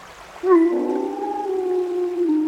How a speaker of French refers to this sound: Tu as entendu ? Une meute de loups approche. On ferait peut-être mieux de ne pas traîner par ici. Pas de geste brusque, l'humain. Reste immobile. Ça va bien se passer. Les voilà. Là, sur la rive.